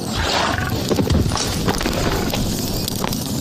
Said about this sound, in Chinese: 凶猛的狼群攻击了马匹意外中，虽然商队损失了不少马匹，但好在最后人获平安。